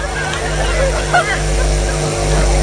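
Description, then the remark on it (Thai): A loud vehicle engine with a changed exhaust pipe drones steadily, a deep, throaty rumble reminiscent of a longtail boat motor, while people talk over it. “รถใครวะดังเหมือนเครื่องเรือเลย เปลี่ยนท่อได้แล้วพี่ไปยุ่งกันก็คว้างมึงนะก็ปลากับหินตายฟังดูดิเหมือนเรือหางยาวเลย”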